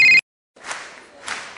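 A telephone rings in one short, loud electronic burst that cuts off abruptly. A brief silence follows, then two swells of broad, rushing noise like a crowd or applause.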